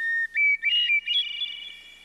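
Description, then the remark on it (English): A hermit thrush sings alone: a steady opening whistle followed by higher, flute-like notes that shimmer and fade into a soft, echoing trill, clear. “Many people would tell you that hearing bird song, like the one from this hermit thrush, puts them in a good mood.”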